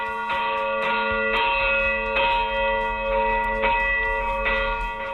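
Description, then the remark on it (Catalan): Large cathedral bells rung by hand in an overlapping, uneven peal, strong struck tones repeating roughly every half second to second with a dense lingering hum, loud, no voices. “En definitiva, és un dels punts del nostre territori, des d'on encara es pot gaudir del toc manual de les campanes.”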